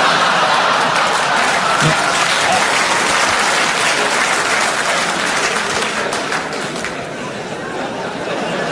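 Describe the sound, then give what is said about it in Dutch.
Loud, sustained audience applause fills the whole stretch, a dense crackle of many hands clapping at once, easing off slightly toward the end. “U klapt er zelfs voor, weet u dat?”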